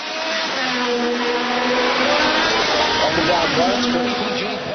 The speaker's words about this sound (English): Racing cars have been speeding around a 250-mile-long course, about 400 kilometres, which goes past the US Congress, the Washington Monument, and other landmarks in the nation's capital.